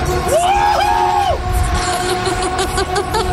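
A young man on a fairground ride screams in two long, arching wails in the first second and a half, then the sound drops into a steady roar of loud mechanical noise and crowd din.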